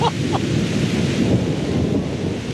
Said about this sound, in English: So we just parked, and it is starting to thunder and rain. So perfect conditions for knocking on doors, right?